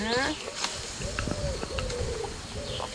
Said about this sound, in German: Oben singt die Taube.